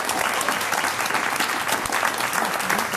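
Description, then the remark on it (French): A TV show studio audience claps steadily for a contestant's effort, a dense, continuous patter of many hands at an even, fairly loud level for a few seconds, with no voices standing out. “Donc on vous applaudit pour l'effort.”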